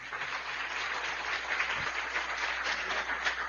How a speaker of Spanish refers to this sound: Un aplauso también a los misioneros.